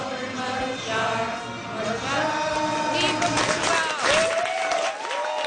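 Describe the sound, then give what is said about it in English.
A dense crowd of Portuguese, England, Scotland and Guatemalan soccer fans in Toronto's Little Portugal cheers and claps for Portugal while watching a match, with many overlapping excited voices and rising whoops forming a loud, continuous roar. “Portuguese fans, England fans, Scotland fans, Guatemalan fans all together celebrating one team. Fans in Toronto's Little Portugal yesterday watching the match.”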